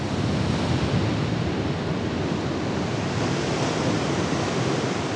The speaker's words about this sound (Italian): Nate nei Caraibi, le tempeste attraversano l'oceano da un capo all'altro, prima di riversare la loro furia sulla frastagliata costa irlandese. Uno spettacolo impressionante.